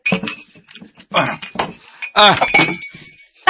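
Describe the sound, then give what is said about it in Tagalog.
A drinking glass drops and clinks sharply a few times against a hard surface without shattering, with voices talking over it. “Tagak ang baso. Waman mabuhak ko, okay na lang.”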